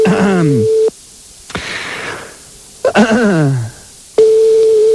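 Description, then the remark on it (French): A steady telephone line tone hums as a McDonald's phone number is dialed, broken up by stylized dialing effects: quick descending electronic sweeps and a short hiss. The flat tone then returns and holds to the end. “Allez, on y va, on compose un autre numéro de téléphone de McDonald's.”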